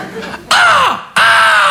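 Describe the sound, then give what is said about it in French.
A voice imitates a squealing bicycle brake, as when braking at a red light, with two loud, harsh, crow-like squawks in close succession, the first bending downward and the second held steady. “Il y a un corbeau mort dans le frein?”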